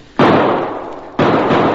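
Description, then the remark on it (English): Two loud gunshots about a second apart, fired by men in a cave at a man escaping into an underground river, each a sharp blast trailing into a long noisy rumble. No voices. “Shoot!”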